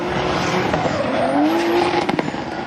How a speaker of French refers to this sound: Ah, c'est vraiment incroyable, déjà que j'aime beaucoup les voitures. Voir des voitures que j'adore drifter, c'est vraiment quelque chose de magique.